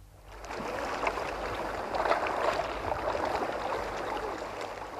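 Sea water washes steadily against a beach a little way off, a continuous soft rush of small waves lapping and fizzing at moderate loudness, with no voices present.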